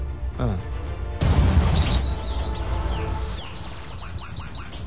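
A bananaquit's high, thin song of quick repeated chirps and short sweeping notes, over a low rumbling background with faint murmuring.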